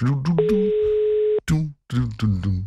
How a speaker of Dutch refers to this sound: Zullen we hem even gewoon live even bellen zo? Dus? Zo. Ja, hij gaat over. En als het goed is, is hij erbij.